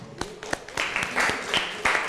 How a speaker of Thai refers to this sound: ขอเสียงปรบมือให้กับกลุ่มที่4ของเราด้วยนะคะ